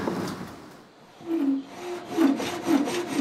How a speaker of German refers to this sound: Eine Sägemühle aus dem Jahr 1876. Und sogar im Original erhalten.